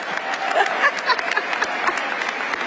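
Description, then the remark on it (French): Steady applause from a large audience at a University of California graduation ceremony, applauding tennis champion Billie Jean King: a dense wash of many hands clapping at an even loudness throughout, with no voices standing out. “Toujours très en forme et applaudie, elle est d'ailleurs venue à la cérémonie avec sa raquette et quelques balles de tennis.”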